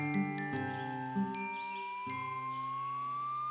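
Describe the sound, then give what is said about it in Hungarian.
A tiny bell hanging around a little rabbit's neck jingles in a few bright, separate shakes, each leaving a ringing tone that hangs on, with a steady sustained note beneath and no one talking. “Élt az erdőben egy bűbájos kis nyulacska, akinek mindig lógott a nyakában egy apró harangocska.”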